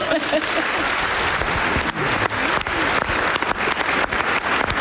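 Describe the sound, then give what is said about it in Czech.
A room full of people claps steadily for several seconds, a dense, continuous wash of applause with no voices standing out. “Takhle vypadá mladý šarm, zatleskejte mi.”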